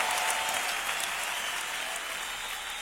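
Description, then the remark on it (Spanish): Loud, sustained applause from a crowd, given to the Lord, a dense wash of clapping that stays steady throughout with no pauses or voices standing out. “aplauso al Señor fuerte.”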